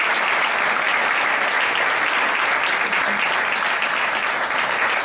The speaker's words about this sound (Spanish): que tiene un corazón enorme y está haciendo mucho por Leganés, pero se merece un fuerte aplauso.